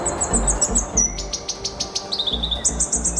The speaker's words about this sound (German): Ein kleiner, schwarzer, federleichter und kugelrunder Singvogel. Vor ein paar Jahren gab es nur noch eine Handvoll Exemplare, inzwischen sind es wieder ein paar hundert. Und so klingt dieser äußerst seltene Vogel.